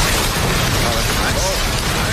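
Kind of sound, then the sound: nature, crackling campfire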